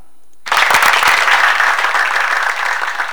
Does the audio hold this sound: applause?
yes